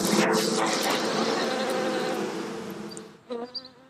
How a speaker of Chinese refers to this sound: 在土楼的四层楼板夹缝中，便是蜜蜂的家。 你看这个蜜蜂密密麻麻的，这起码得有几万只。